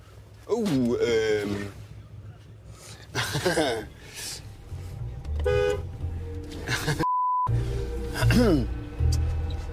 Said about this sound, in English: Our final stop, Monterrey, Mexico, in the north of the country, close to the border with the United States. We're at a railroad crossing. There's a train coming.